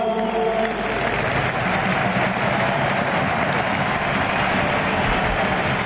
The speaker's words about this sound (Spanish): Emocionado Robert Lewandowski. La gente aplaude en el Camp Nou, banderas de Polonia.